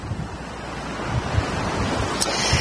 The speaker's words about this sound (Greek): Πράγματι, οι πολύ ισχυροί άνεμοι, εντάσσεως 7 μποφόρ, αυτή την ώρα πνέουν βορειοανατολικοί άνεμοι, εντάσσεως 7 μποφόρ, που είναι ο μεγαλύτερος φόβος των πυροσβεστών για αναζωπυρώσεις.